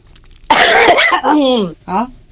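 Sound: coughing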